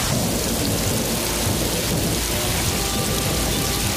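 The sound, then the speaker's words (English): Steady, heavy rain pours down in a dense continuous hiss, with low rumbling thunder rolling underneath throughout; a much-needed rain for the cropping season. No voices, just the storm filling the whole stretch. “That's the sound of a well-needed rain for our cropping season.”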